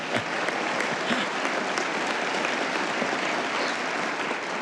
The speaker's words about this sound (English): First of all, I am honored and glad to announce that the Holy Father has decided to send his own video message to this Supreme Convention. And yes, you can applaud.